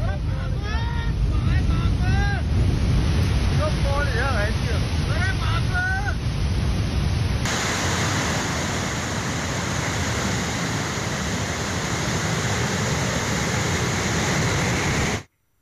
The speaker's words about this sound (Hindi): ये तस्वीर आप देखेंगे कि कैसे तेज पानी का बहाव लगातार बड़ी तेजी के साथ इन इलाकों में बह रहा है और बादल फटने के बाद ही मुनस्यारी की एक्सक्लूसिव तस्वीर है।